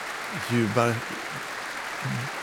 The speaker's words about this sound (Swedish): Nu är hon inne på scenen igen. Hon vänder sig om mot orkestern och applåderar dem också.